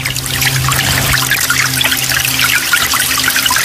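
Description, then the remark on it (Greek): Water trickles and pours steadily, a continuous splashing babble with a faint low hum underneath, no voices present. “σε παρακαλώ πολύ με το νεράκι που τρέχει.”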